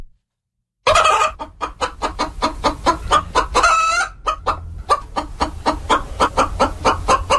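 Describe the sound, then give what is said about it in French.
A flock of chickens clucks in rapid, overlapping bursts, and a rooster crows once partway through. There is no talking, and silence comes before the birds start. “Vous l'aurez compris, on va vous parler de poules maintenant, plus précisément de poulaillers urbains.”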